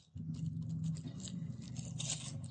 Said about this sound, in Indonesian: Antum lihat tali ini. Ana mau ikat nih tali ya.